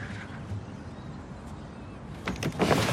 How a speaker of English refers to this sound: She lifts the window up and looks down at Zig.